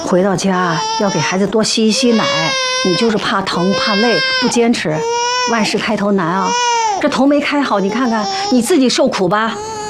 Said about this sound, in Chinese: 你看宝宝哭得这么厉害，不然我冲点奶粉先试试。